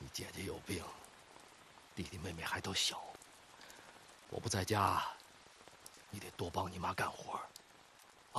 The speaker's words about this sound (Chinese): 夜里雨大，屋顶漏雨，床板这块也漏，我给你挡着点。